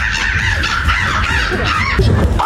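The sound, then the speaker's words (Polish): A person imitates a crow at the third Polish Bird Imitation Championships in Warsaw, giving loud, harsh, raspy caws that run together in a continuous rough call, with no talking. “Chyba jakaś wrona, nie?”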